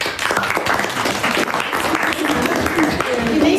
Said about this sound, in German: Applaus für alle und ihre Posts und Slides.